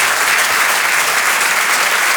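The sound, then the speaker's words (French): An audience claps loudly and steadily, a dense wash of many hands with no gaps, sustained for a couple of seconds without any voices over it, applauding the comedy duo Les Décaféinés on Rire et Chanson. “Je vous demande de les applaudir très très fort, s'il vous plaît.”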